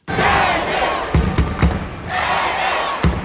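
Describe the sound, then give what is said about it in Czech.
A packed crowd in a judo world championship hall in Baku, Azerbaijan, roars and cheers in loud, sustained waves as a home competitor comes out, broken by a few sharp thuds, with the noise swelling again toward the end. “Ono to je vidět i na té hale, že opravdu je narvaný publikum a ta atmosféra je opravdu krásná, když nastupuje domácí závodník.”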